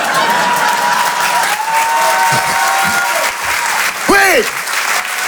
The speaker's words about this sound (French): C'est-à-dire que, si vous voulez applaudir, faites-le en groupé!